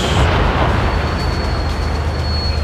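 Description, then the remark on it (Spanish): A heavy, rolling boom of ceremonial cannon fire at Plaza Sotomayor, marking the 147th anniversary of the Naval Battle of Iquique at 12:13, fills the air, its deep rumble lingering and echoing steadily for a few seconds with no voices over it. “Estos son los cañonazos que se están dando.”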